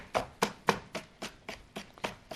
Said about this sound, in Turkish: Şöyle kapyamı da doğruyorum gördüğünüz gibi efendim.